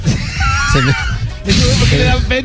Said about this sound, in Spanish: Bueno, los que nos están escuchando, acabamos de hacer aquí, unos vatos estaban ahí, grite y grite, y les hicimos competencia, así que... Ganamos.